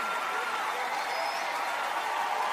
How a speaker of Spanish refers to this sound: Dele ese aplauso fuerte al Rey de Reyes y Señor de Señores. Déselo fuerte, si es para el Rey, si es para el Rey.